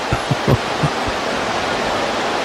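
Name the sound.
heavy rain pouring down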